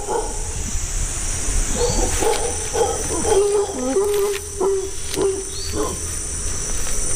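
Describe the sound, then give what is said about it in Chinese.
Mantled howler monkeys let out a series of drawn-out, moaning howls that rise and fall over several seconds, set against a steady hiss of insects in the background. “鬃毛吼猴是令人垂涎的猎物，可这种动物极其聪明，它们懂得观察，善于发现危险，并且能迅速采取行动。”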